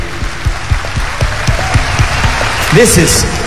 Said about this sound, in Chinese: 听我哋俾啲掌声